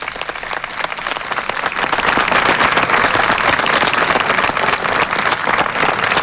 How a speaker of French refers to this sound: Et devant les applaudissements du personnel, et ce geste symbolique signifie qu'ensemble, ils veulent faire progresser la paix et la tolérance.